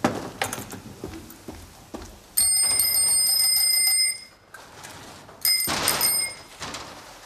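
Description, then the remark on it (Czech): Two bursts of loud, steady bell ringing, the first lasting nearly two seconds and the second shorter, preceded by scattered clicks and clatter, with no talking, as the manager of a bicycle shop tests the bells. “Já jsem vedoucí, já zkouším zvonky.”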